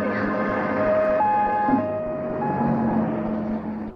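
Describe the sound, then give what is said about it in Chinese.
An ambulance siren wails in a steady two-tone, high-low pattern, alternating pitch every half second or so, moderately loud amid a busy background of street or scene noise. “是啊，他神经感冒，叫救护车，快，我去。”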